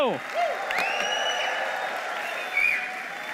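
A church audience applauds to welcome their pastor in a steady, dense wash of clapping that holds for several seconds, with high cheers and whoops of joy rising above it.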